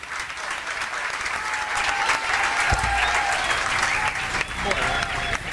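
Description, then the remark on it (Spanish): Council members stand to applaud in the council chamber (HCE) in Pinamar during a unanimous recognition: a sustained, steady burst of clapping that stays loud and dense for several seconds, with a low rumble and faint murmuring voices mixed underneath. “Todos los concejales se pararon a aplaudir.”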